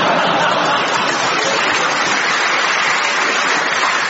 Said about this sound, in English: there was a big cheer for that.